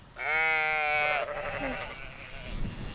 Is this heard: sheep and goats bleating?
yes